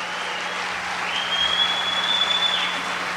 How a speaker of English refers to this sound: My band, ladies and gentlemen, if you would give Mr. … a big, wonderful round of applause. Would you do that?